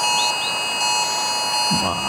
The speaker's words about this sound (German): Ich weiß, ziemlich fieser Ton, aber genau dieses Geräusch kommt heute um 11 Uhr auf viele Handys.